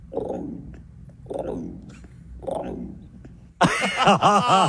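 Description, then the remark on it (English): A person imitates an emu with three low, throaty booming grunts spaced about a second apart, followed by a sudden loud, warbling, higher-pitched vocal outburst. “Oh, yeah, give us an emu.”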